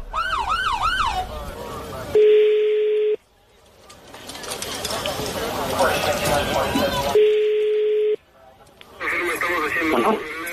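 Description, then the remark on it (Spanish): A police patrol car siren wails in a few quick rising-and-falling sweeps at the start, then cuts to steady electronic tones and busy, noisy voice-like clutter, with a brief siren-like burst returning at the end. “Sí, no, pero que escuche la patrulla.”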